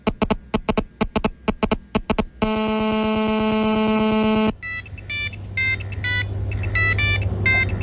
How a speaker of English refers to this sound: Now, that is a sound I'd not heard in many, many years. And yeah, it is, in fact, an old Nokia phone sat by some computer speakers. I mean, this would happen often in the car as well.